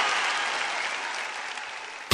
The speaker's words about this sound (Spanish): ¡Fuerte el aplauso!